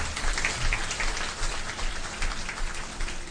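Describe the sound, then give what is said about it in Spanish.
An audience applauding the King of Kings steadily throughout, a dense crackling wash of many hands clapping at once, fairly loud, with no voices standing out above it. “Denle un aplauso al Rey de Reyes, no se me vaya.”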